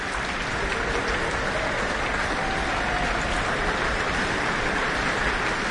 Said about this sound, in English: And here's the horn section. Hugh Dan, principal trumpeter, receives his applause with the rest of the trumpet section.